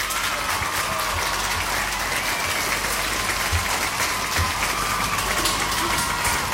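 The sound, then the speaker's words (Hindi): Steady, dense applause from a crowd, played on Radio Olive 106.3 FM, many hands clapping continuously at an even loudness for several seconds, with no voices standing out. “और सही जवाब दिया आप लोगों ने, तो तालियां भाई आप सभी के लिए यहाँ पे।”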